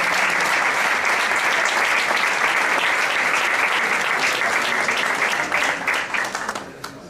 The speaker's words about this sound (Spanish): Un aplauso para ….